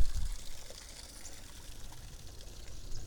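Creek water trickles steadily, a soft, continuous wash of splashing and bubbling that stays fairly quiet and even throughout, with no voices.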